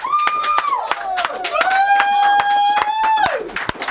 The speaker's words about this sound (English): let's ask everyone to clap.